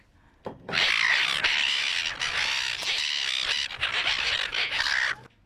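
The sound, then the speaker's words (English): A dense, continuous chorus of harsh seagull squawking calls, loud, running for about five seconds before cutting off abruptly. It is a sound effect added on ABC Gippsland radio to make a live cross from the beach more dramatic. No talking. “Just added some seagulls in to make it more dramatic,”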